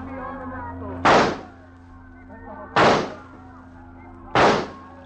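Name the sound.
rifle gunshot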